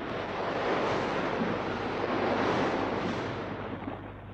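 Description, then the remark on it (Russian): A raging storm at sea: dense, roaring wind and heavy surf crashing continuously, loud, with a deep low rumble underneath and no voices. “Потом началась буря.”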